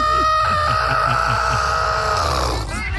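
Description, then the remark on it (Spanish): A voice imitates a strangled chicken squawk, like a chicken whose neck is being grabbed: one long, strained, raspy cry held for a couple of seconds, loud, before breaking off. “Como cuando le agarran el pescuezo a la gallina.”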